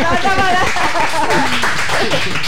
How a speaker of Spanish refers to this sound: Colorín colorado, este cuento se acaba. Ajá. Un aplauso.